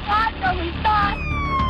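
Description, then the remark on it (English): An ambulance siren wails in rising and falling sweeps, its tone gliding downward at the end, over a steady rumble of background noise, as the ambulance drives down Highway 93 and then up the west fork of the Bitterroot River. “The ambulance wailed down local Highway 93, then up the west fork of the Bitterroot River.”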